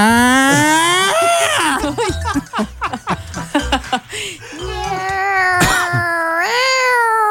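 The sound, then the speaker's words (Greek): A person vocally imitates mating cats yowling, with long wavering, rising-and-falling wails broken by choppy laughing bursts in the middle, loud. “τον βάλουμε να κάνει τη γάτα που κάνει σεξ.”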